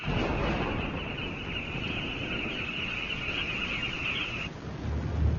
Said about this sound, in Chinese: 不过这个季节的天气就像婴儿的脾气一样，说变就变。雷声越来越响，蜂虎也越来越焦躁不安。